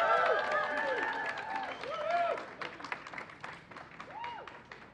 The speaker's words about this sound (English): let's give them a very warm round of applause.